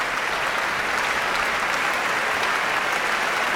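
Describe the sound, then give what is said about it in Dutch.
Steady, dense applause from a large audience for an orchestra, as conductor Emilia Holving points out orchestra members with solos or important parts for their own applause; a continuous bright patter of many hands clapping at an even loudness throughout, with no voices rising above it. “En dat is omdat Emilia Holving verschillende orkestleden aanwijst die in dit werk een solo of een belangrijke partij, een reden voor een eigen applaus hebben.”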